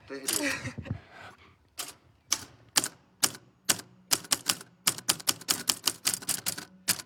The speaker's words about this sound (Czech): Máme tady přesně tak psací stroj, na který jsme si teďko tady společně zaťukali a přesně do těchto jednotlivých písmenek, které tady jsou, tak ťukal i váš tatínek a vyťukal tam všechny ty filmy,